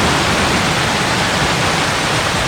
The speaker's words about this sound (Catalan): I això que sona com un riu és fa unes hores a un carrer d'aquest municipi del Montsià.